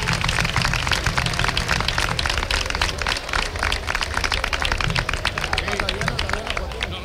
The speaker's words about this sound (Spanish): Vamos a darle un fuerte aplauso a los dos que están esta noche aquí con nosotros.